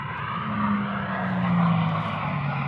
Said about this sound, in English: The sound of Hydromax, a car that's been built to prove a point, the power of hydrogen. Here's a view of it from the air on the 30,000-acre Bonneville Salt Flats in Utah, a place famous for speed records.